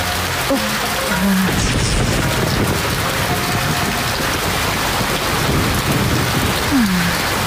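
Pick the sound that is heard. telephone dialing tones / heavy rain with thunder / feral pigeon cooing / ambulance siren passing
heavy rain with thunder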